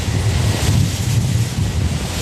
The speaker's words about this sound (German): Wenn der Wind stärker ist, dann ist meistens das Umgebungsgeräusch von Blättern, von Bäumen lauter als die Windkraftanlage. Aber es gibt so Phasen, wo es ein bisschen was hörst.